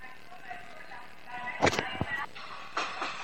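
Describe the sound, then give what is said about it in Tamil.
A train that many people are taking idles at a busy railway platform, its steady mechanical whine running throughout, with a couple of sharp metallic clunks midway and faint crowd murmur in the background. “இது என் ட்ரெயின் இல்லை, இது இன்னும் நிறைய பேர் போகிற ட்ரெயின்.”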